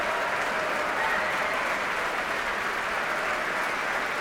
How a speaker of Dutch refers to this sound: Ja, u hoort het zeer enthousiast publiek hier in de grote zaal van het Concertgebouw.